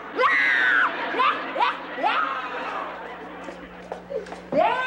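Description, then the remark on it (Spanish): La Chilindrina, frightened by a lizard, cries loudly in repeated high, wavering wails with rising and falling pitch, broken by short sobbing gasps, alone without other voices over a low steady hum. “No, yo no, es la Chilindrina que está llorando.”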